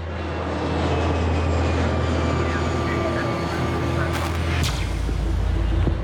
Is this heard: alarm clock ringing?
no